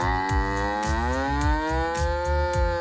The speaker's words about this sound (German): Platz 3, die Kuh.